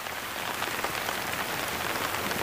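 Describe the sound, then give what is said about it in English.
Heavy rainforest rain pours down in a dense, steady hiss of countless drops striking leaves and ground, unbroken throughout with no voices. “During peak wet season, the rainforest can receive as much as 6 inches of rain every day.”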